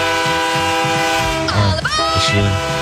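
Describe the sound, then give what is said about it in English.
A loud, sustained train horn blares through the whole stretch over the steady rhythmic clatter of a rolling train, with a brief burst of voices partway through. “We're boarding this train.”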